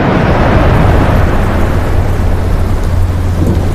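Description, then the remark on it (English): A loud, steady thunderstorm sound effect: heavy rain hisses continuously over a deep, sustained rumble of thunder, with no voices present. “You've rained out my trip.”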